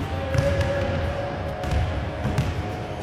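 A basketball bounces repeatedly on a wooden parquet court with an echoing, irregular rhythm, set against a steady hum and murmur; Paralympic wheelchair basketball at the Palameda arena in Brianza.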